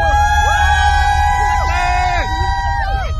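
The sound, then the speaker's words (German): A loud, dense crowd of over 100,000 roars and cheers continuously for their drivers at Formula 1 Grand Prix qualifying, with sustained whoops and rising and falling shouted tones layered over a constant rumble of many voices. “Und die über 100.000 sorgen für lautstarken Jubel für ihre Fahrer.”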